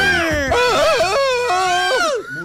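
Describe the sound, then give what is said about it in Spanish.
A wild, high-pitched scream from someone in the background during a Los 40 Colombia radio show rings out loud and unbroken for a couple of seconds, its pitch wavering up and down before trailing off, with no talking around it. “Denme un grito salvaje a alguien de fondo.”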